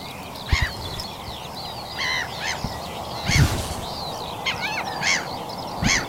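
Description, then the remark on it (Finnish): A chorus of bird calls rings out on the shore of Vaanilanlahti bay in Lohja, Finland, in the morning, harsh crow-like caws and chattering notes overlapping in irregular bursts over a low steady background rumble, with no one speaking. “Sinne häipyvät äänet Lohjan Vaanilanlahden rannalta.”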